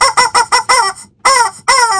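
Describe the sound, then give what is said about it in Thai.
A chicken lets out a rapid string of five loud clucks, then two longer, drawn-out squawking calls after a short pause, with no voices around. “ส่วนเสียงดังนี่ก็ไม่มีใครเลยนอกจากเจ้าไก่นี่แหละ”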